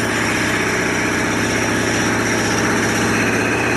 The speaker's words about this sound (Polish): No i tak naprawdę Pomorzany są od lat jedną wielką strefą aktywności. Najpierw samochodem przez dziury.